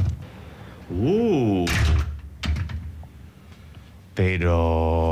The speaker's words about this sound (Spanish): Bueno, ¿abrimos la puerta? Venga. Sí, venga, vamos. Vamos adentro. Vamos, ahora mismo. Venga. Ahí la llave, que no quiere salir.